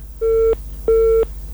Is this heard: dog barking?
no